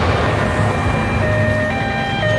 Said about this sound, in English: That September morning in 1972, the people of Munich wake to the sound of sirens and the rumble of military trucks. Flickering police lights paint the city blue at dawn.